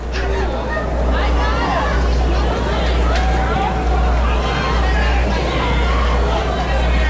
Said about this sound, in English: O-2 pitch. Slips out of Messenger's hands. Breaking ball over the head of Moore. Bends out of the way of it. Ducks down. Gets what's left of the crowd riled up a little bit. Why not? Pigs down 15-4 here in the bottom of the ninth.